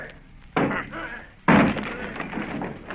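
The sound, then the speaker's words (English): A house door being battered down: two heavy, booming, loud blows land about a second apart, each followed by a rattling, reverberant rumble that lingers until the next strike. “Down with the door, then!”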